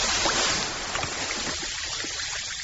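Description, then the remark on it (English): Steady fizzing of an Alka-Seltzer effervescent tablet dissolving in water, a dense crackling hiss full of tiny popping bubbles that holds at an even level for a few seconds with no voices. “Hear that? That's Alka-Seltzer, the sound of fast heartburn relief.”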